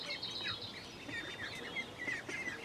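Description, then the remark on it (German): Ducks calling in a steady, busy chorus of overlapping high-pitched peeps and chirps, fairly loud and continuous throughout, with no voices. “So, die letzte Ente, guck mal.”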